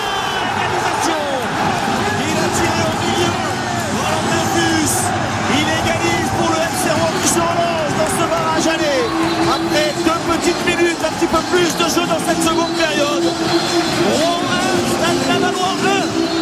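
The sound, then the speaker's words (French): A football crowd at Rouen's Diochon stadium roars after Valentin Fus converts a penalty for Rouen early in the second half, a dense, loud wall of cheering and shouting that holds steady for the whole stretch, with individual voices lost in the din. “On n'entend même plus les commentateurs. Il y avait de quoi crier quand même.”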